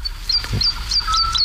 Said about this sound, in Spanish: Está amaneciendo en los campos de Daimiel. Y la totobía está, es una alondra, la alondra de bosque, la totobía está volando arriba, aleteando frenéticamente y cantando. Es como si nosotros pudiéramos correr y cantar a la vez sin jadear.